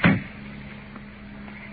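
A car door that had been locked unlatches and opens with one sharp clunk at the start. A low, steady hum carries on quietly for the rest of the moment, with no one talking.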